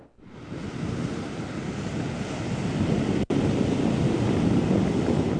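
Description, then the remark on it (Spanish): Steady roar of ocean surf breaking on the beach at Pie de la Cuesta during a ground swell, loud and continuous with a wash of wind noise, briefly cutting out for an instant midway before resuming. “Confían que el oleaje, pues, no va a aumentar.”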